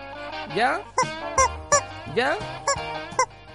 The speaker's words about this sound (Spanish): Él es Marty McFly, nuestro pollito que tenemos.